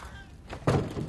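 A heavy door is opened with a single solid wooden thunk, fairly loud, followed by a brief rumbling settle. No one speaks.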